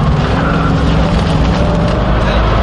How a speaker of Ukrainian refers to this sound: Рухаємось далі. На швидкості під сотню кілометрів на годину на машині доставки батальйону «Карпатська Січ» ми мчимо у напрямку Костянтинівки.